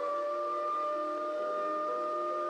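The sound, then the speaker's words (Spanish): Sirens from several patrol cars heading toward a spot near a base wail in a steady, sustained tone that holds at a constant loudness throughout, with no pauses and no voices. “hacia allí se dirigían varios autos patrullas.”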